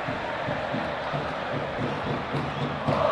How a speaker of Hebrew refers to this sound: אתם שומעים ברקע את הקהל בצהוב שחור.